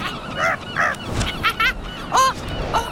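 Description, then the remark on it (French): A large gull gives a series of loud, nasal, squawking calls in uneven bursts, with no one talking and a faint background hiss. “La mouette, on se ressemble beaucoup, mais moi, le goéland, je suis bien plus grand qu'elle.”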